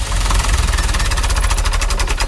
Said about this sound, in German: Opa schaltet den Motor vom Traktor aus.